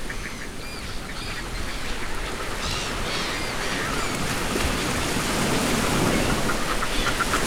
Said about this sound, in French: Ça, ce sont les fulmars